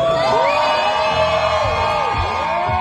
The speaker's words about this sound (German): Großer Jubel